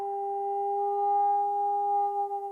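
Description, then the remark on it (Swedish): A sonar pulse, sent down through the water from a boat above the Challenger Deep to measure the depth by its echo off the seabed, rings out as a steady, sustained electronic tone with two clear mid-range pitches, holding for a few seconds before wavering slightly at the end. No voices. “Och det man har gjort då, det är att skicka ner ljudvågor.”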